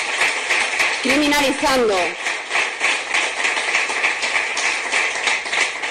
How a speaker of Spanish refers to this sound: La verdad es que los aplausos eran pocos y más bien tibios.